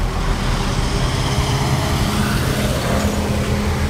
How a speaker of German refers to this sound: An einer vielbefahrenen Straße mit Autos, Bussen und Lastwagen ist es für Fahrradfahrer oder Fußgänger besonders wichtig, dass sie gut gesehen werden.